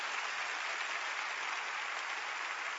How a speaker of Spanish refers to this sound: Dale un fuerte aplauso al Señor y su palabra.